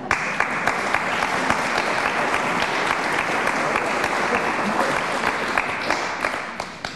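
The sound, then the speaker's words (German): Steady audience applause fills the whole stretch, a dense wash of many hands clapping at an even, sustained loudness with no voices standing out. “Bei Kirche in Not kriegen Sie natürlich Applaus für so eine Aussage.”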